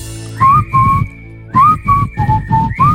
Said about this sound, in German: Oh, fast auf den Punkt. Musste ich jetzt mal ausprobieren, die Pfeiferei.